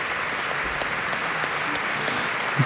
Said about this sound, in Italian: Questo è l'applauso che accoglie il primo violino dell'orchestra.